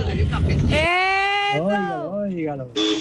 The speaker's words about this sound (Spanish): Oígalo. Ay, me encanta. Si escucho este pitico, oiga, oiga. Dígalo. Pero es un pito bastante económico. No, es un pito bueno, potente. Pero no dura.